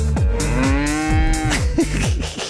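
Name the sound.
cow mooing sound effect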